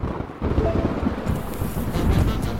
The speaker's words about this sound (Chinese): 真倒霉，刚上高速的时候还是晴天的，怎么就突然开始打雷下雨了？ 夏天嘛，雷暴天气活动频繁，不过还真不能小瞧雷雨天。